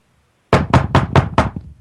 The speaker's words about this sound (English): Hold on, guys. There's a knock at my door, and once I see it in... Oh! Just joking, folks, but that's how I ended the blog.